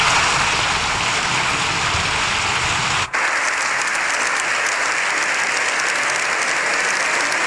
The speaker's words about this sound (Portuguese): O Papa disse que o mundo está em profunda crise, pediu o fim das guerras que devastam o planeta e foi aplaudido por 7 minutos.